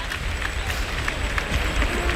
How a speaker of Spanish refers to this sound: Y el público que irrumpe en una fuerte ovación.